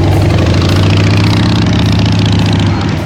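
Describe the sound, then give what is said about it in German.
A motorcycle engine idles loudly, a steady low throbbing rumble that holds for about three seconds, with a faint rise in revs near the start. No one speaks. “Zum Beispiel gibt's was Feines für alle Biker unter euch.”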